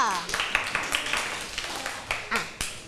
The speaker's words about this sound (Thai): โอเคปรบมือให้เพื่อนด้วยค่ะ